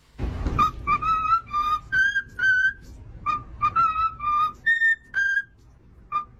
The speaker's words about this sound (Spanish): Bueno, esto es real, ¿eh? Es un loro, una cacatúa, piando lo que es el cumpleaños feliz.